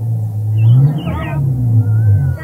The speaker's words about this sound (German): Er wendet sein Fahrzeug und fährt ins Dorf zurück.